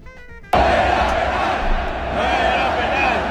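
A huge stadium crowd bursts into a loud, sustained chant of "No era penal" ("it wasn't a penalty") from the stands at the Netherlands vs Morocco match in Monterrey's stadium, a dense roar of many voices that cuts in abruptly after a brief tonal sound at the start.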